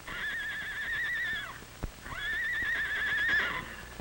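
Two long, wavering whinnies from Charlie and Nellie, horses from Mr. Mardell's ranch running away, one after the other, loud, with faint scattered hoof knocks beneath them and a sharp clop in the short gap between calls.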